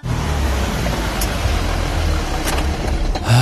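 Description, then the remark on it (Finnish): Steady rumble of a car on the road, broken by a couple of sharp, brief ticks of small quartzite stones chipping against the car's windshield. “Kun kiven iskemä yllättää, Carglass korjaa ja vaihtaa tuulilasit ammattitaidolla ja nopeasti.”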